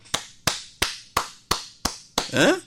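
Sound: hands clapping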